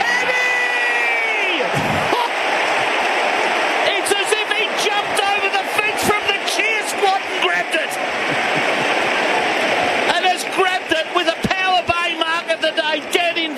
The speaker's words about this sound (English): We're going to be under a goal in a matter of moments. Hear the Demon supporters roar.